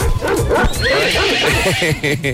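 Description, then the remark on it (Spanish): A person imitates a horse's whinny with a loud, wavering, high-pitched voice, warbling through rapid rising and falling pitch bends that start to resemble a dog's yelping toward the end. “Ey, maestro, ya de caballo pasé a perro.”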